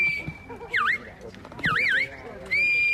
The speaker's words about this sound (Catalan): A partir dels xiulets i crits dels pastors, els gossos van anar conduint els ramats per superar les proves plantejades pel jurat.